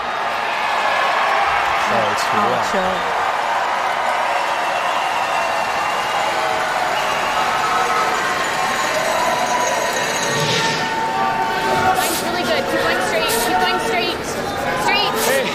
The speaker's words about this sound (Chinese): 来吧，第八局。 观众在帮着一起喊擦冰。